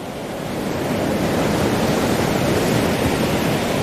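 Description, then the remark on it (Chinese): Ocean waves washing onto a shore make a steady, broad rushing roar that holds fairly constant for about four seconds, with no voices and no distinct individual breakers standing out. “虎鲸首领利用一团被冲到岸边的海藻充当南海狮幼崽，让虎鲸学徒逐渐学习适应海浪的节奏。虎鲸学徒需要感受海浪的力量，靠海浪推动自己靠近目标，再跟随海水后退，选择合适的时机咬住目标，然后利用下一波海浪转身返回大海。”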